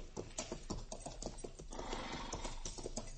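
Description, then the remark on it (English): Horse hooves stomping on dusty Kansas ground while riding back toward Dodge, a quick uneven series of dull thuds over a rustling, gritty background, with no talking. “Darn horse. Seems he's just bound to stomp all the dust and Kansas in my eyes.”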